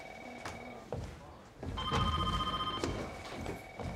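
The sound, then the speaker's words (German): A telephone rings with steady electronic tones, and partway through a second, higher-pitched ring joins in, while clattering knocks and faint background voices sound underneath. “Ah, und wo gehe ich zuerst ran? Und das, was klingelt.”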